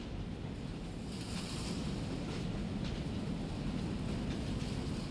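A steady, continuous rumble of a train to Frankfurt rolling along the rails, heavy in the low end with faint rhythmic clicks, holding an even level throughout with no voices.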